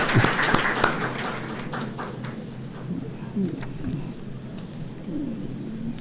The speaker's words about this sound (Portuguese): As prof estão aí, não? Estão aí, isso. Então, uma salva de palmas para as prof aí. Eu provoquei essa notinha pensando em vocês, viu?